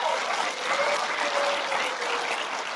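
A church audience applauds steadily in answer to a question about wanting more favor and blessing from God, dense clapping at an even level throughout, with a few faint voices or cheers mixed in and no one speaking.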